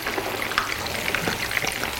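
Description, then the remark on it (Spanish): Food frying steadily in olive oil over lowered heat, being turned over to fry on both sides: a dense crackle with scattered sharper pops and a soft scrape or two, no voices over it. “Vamos friendo. Le damos la vuelta para que se fría por los dos lados.”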